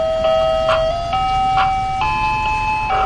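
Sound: ice cream truck jingle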